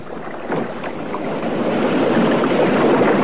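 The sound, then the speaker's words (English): Oars splash and pull through water against a steady wash of open water and wind, a few distinct dips early on before the watery rush thickens and grows louder. No one speaks. “And then I heard the sound of oars.”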